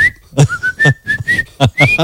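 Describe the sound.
A person whistles a series of sharp, tonal notes, imitating a female traffic warden signalling that someone cannot cross there, interleaved with short bursts of voiced sound, fairly loud.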